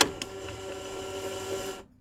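A cassette tape pushed again into an old walkman from 1984: a sharp plastic clack, then a steady mechanical whirring with faint clicks that runs for nearly two seconds before cutting off.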